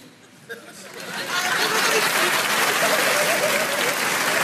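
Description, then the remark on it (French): An audience at a show in Montreux bursts into applause, starting softly and swelling after a second into steady, dense clapping that holds loud until the end, with faint chatter and a few chuckles mixed in. “Par applaudissement, il y a des gens qui ont des amis.”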